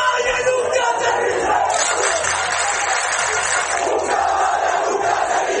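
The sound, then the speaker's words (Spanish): A large crowd of Ceuta residents at a demonstration shouts together in a loud, continuous roar of many voices, a rallying battle cry of "Una caballa nunca se rinde" as they enter Trampolín beach in Ceuta, sustained steadily throughout with no pauses. “Este altercado coincidió con una manifestación por un grupo de ceutíes que accedió a la playa del Trampolín al grito de «Una caballa nunca se rinde».”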